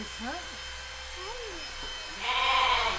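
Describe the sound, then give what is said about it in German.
A young female lamb, orphaned at a week old and bottle-raised, bleats in short, wavering cries, with a steady electric buzzing hum rising underneath toward the end. “Kommt die von dem Schaf, was als erstes geschoren wurde?”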